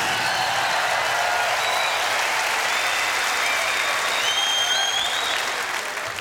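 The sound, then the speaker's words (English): Sustained audience applause, a dense, steady wash of many hands clapping at an even, fairly loud level throughout, with a few faint whistles riding high above it and no talking. “but I'd like you also to give another big round of applause to Michael Kamen, because this is what it's all about.”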